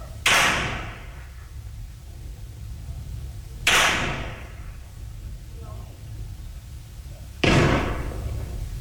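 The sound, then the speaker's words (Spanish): Three sharp gunshots from firearms ring out a few seconds apart, each cracking loudly and trailing off in a brief echo, over a steady low rumble of background noise, during an armed confrontation between gunmen and local police and National Guard in Nuevo León, around 3 a.m. “Los disparos se hacían presentes de nueva cuenta.”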